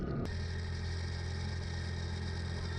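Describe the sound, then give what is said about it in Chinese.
A herder's motorcycle engine runs steadily as he rides off to search for cattle missing from the pen, in the Qilian Mountains, China: a constant mid-pitched droning hum with a sharp click or thump at the very start and no voices. “顿珠才旦发现牛圈里的几头牛不见了，匆忙骑上摩托车去找”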